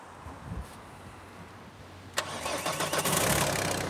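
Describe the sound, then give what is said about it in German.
A car engine being jump-started cranks and catches after a couple of quiet seconds, then settles into a steady, fairly loud running rumble. No voices. “Mit zwei geht's. Hört sich gut an.”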